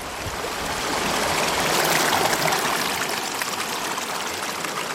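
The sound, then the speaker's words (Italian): Steady rushing of the young Arno river, a mountain stream: a broad, continuous babble and splash of water over rocks, fairly loud, swelling slightly midway and holding constant with no voices. “Quest'acqua che scorre è l'Arno Bambino, ancora ignaro, di Ponte Vecchio del Mare.”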